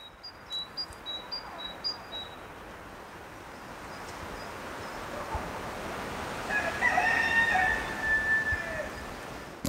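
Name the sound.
rooster crowing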